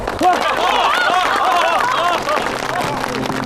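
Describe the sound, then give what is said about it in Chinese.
Villagers clap together amid a loud crowd of overlapping voices calling out, applauding to approve by show of hands a new village head and self-defense team leader; the steady applause and chatter fill about two seconds before thinning out. “好，我看看啊，那大家就都举手了啊，鼓掌通过。”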